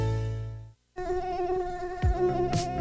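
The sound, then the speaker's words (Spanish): A loud Aedes aegypti mosquito buzzes in a steady, wavering whine, cutting out briefly before droning on with slight shifts in pitch. No voices are heard. “¿Sabes quién transmite el virus dengue, zika y fiebre amarilla? El zancudo Aedes aegypti.”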